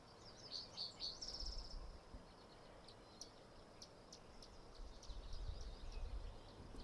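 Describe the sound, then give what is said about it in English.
Small birds chirp faintly, a quick run of high tweets followed by scattered short calls, over a steady low outdoor rumble with no voices. “Some little teeny birds.”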